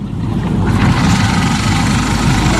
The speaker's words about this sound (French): Ça tourne, le moteur. T'entends pas les bruits? Ça tourne, oui. Ça tourne. Ça tourne.